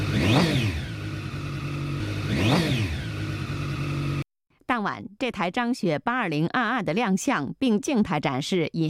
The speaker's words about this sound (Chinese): 当晚，这台张雪8022的亮相，并静态展示引擎声浪时，也引来警方的关注。